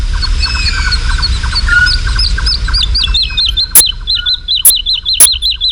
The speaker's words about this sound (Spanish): Y la totovía está, es una alondra, la alondra de bosque, la totovía está volando arriba, aleteando frenéticamente y cantando. Es como si nosotros pudiéramos correr y cantar a la vez sin jadear.